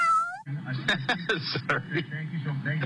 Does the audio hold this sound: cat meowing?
yes